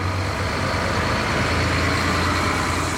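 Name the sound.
bus engine idling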